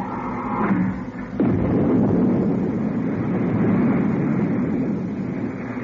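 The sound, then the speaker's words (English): A low hum gives way at about a second and a half to a sudden, loud, steady roar of retro rockets firing after their firing switch is pressed, a broad rumbling rush that holds to the end without speech. “I've removed the safety cover from the retro rocket firing switch. I'm pressing the switch now.”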